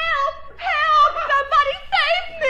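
A woman screams for help inside a cabin in a staged scene, in a series of loud, high-pitched, wavering wails, about four drawn-out bursts that rise and fall in pitch, with no clear words.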